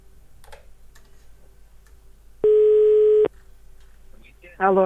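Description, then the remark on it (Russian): A loud, steady telephone ringback tone after a phone number is dialed at random sounds once for just under a second over a faint background hum, followed by a brief burst of voice at the end. “нет никаких знаков, которые могут меня сподвигнуть на то, чтобы выбрать тот или иной номер телефона”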